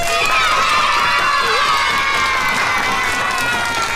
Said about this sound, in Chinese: 大家掌声欢迎。